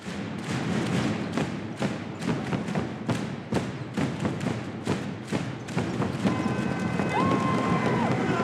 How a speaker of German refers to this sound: Mit jedem Schlag auf die Trommel lassen sie auch ein bisschen Dampf ab.